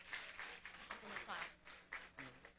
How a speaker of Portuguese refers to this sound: Toda igreja levanta a mão e toma posse, em nome de Jesus, amém. Pode bater as palmas e receber o servo do Senhor.